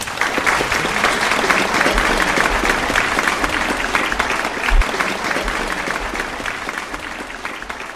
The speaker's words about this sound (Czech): a prosím o veliký potlesk.